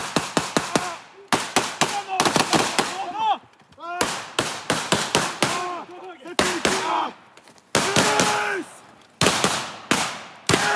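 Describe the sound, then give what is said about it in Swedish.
Repeated bursts of blank-round gunfire crack loudly, some shots in quick rapid volleys and others spaced apart, with brief gaps of silence and faint shouted voices between, as soldiers fire blank ammunition that gives only a puff of smoke during a military training exercise. “Eftersom det bara är en övning så skjuter de med lös ammunition så att det bara kommer en rökpuff och inga riktiga dödliga skott.”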